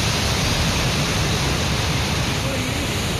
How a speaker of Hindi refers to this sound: शोर करता अलकनंदा नदी का पानी